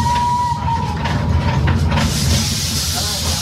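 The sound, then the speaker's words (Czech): The historic 1903 tram car Komárek sets off in Prague, heading for Libeň and then the main railway station, with a heavy, steady low rumble and a broad hiss, while a thin, high sustained tone rings through the first second and a half. “Komarek se rozjel na cestu do Pražské Libně a následně na hlavní nádraží.”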